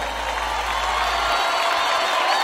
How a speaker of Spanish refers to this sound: Más fuerte el aplauso